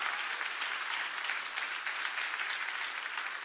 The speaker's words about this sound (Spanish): Aplauda si para el Señor, hágalo con gozo, hágalo con alegría.